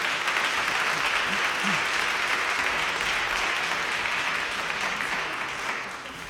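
Sustained audience applause, a dense, steady wash of clapping from many hands that holds at an even loudness before easing slightly near the end.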